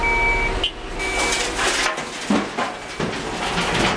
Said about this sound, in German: Am Rand der Landstraße eine abgezäunte Fläche mit grauer Schotterpiste. Alle paar Minuten rücken Muldenkipper an und laden Grobgestein ab.